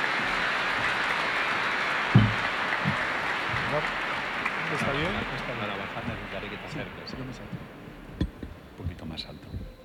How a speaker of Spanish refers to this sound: Vamos a recibirle, a escucharle con mucha atención y a poder aprender un poco de lo que nos va a comunicar. Le recibimos con un fuerte aplauso y damos gracias al Señor.